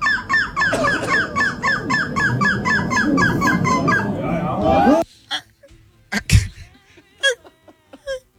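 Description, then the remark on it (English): A voice imitates a seagull with a rapid string of high, squawking cries for about five seconds, loud, then trails off into a few scattered breathy noises and clicks. “It's like you have to get to like the back of you have to find the spot in the back of your throat to be able to do the proper, the seagull.”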